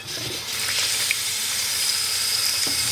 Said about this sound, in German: So einschlichten, dann tun wir es gut einsalzen und dann Kümmel drauf. Und dann tun wir da Wasser drauf.